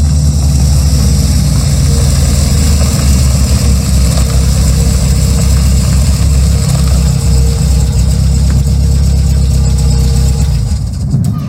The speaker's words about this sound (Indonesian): Suara rombongan mobil datang, disertai dengan tapak kaki dan suara riuh. Semuanya bersiap.